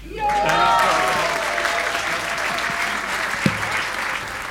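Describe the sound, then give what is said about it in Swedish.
An audience bursts into sustained applause with cheering as jazz musician Carl Martin Almqvist receives the Guldnålen 2025 prize, the clapping loud and dense from the start and holding steady throughout, with a few whoops rising above it. “Carl Martin Almqvist tar emot publikens jubel och priset Guldnålen 2025.”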